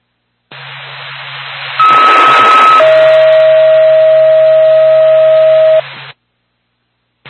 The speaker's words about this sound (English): North back to Wakefield Ambulance, stand by for tone.